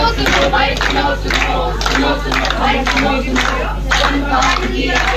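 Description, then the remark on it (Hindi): A dense crowd of villagers murmurs and chatters in the morning with scattered claps and a steady low hum underneath, busy and continuous throughout, with a loudspeaker running, gathered for an HPV vaccination camp at a primary health centre. “सुबह सुबह इतनी भीड़ और ये लाउड स्पीकर से आवाज, सभी लोग ध्यान दें, आज प्राथमिक स्वास्थ्य केंद्र में HPV टीकाकरण शिविर।”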